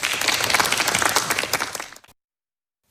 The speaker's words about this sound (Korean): 박수로 맞아주십시오.